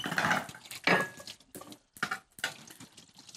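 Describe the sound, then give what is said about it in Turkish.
Meatballs (köfte) sizzle and hiss as they fry in a pan until browned, with a few sharp clinks and scrapes of a utensil against the metal coming in uneven bursts. No one speaks. “Şimdi burada köfteleri nar gibi kızartmaya devam ediyoruz.”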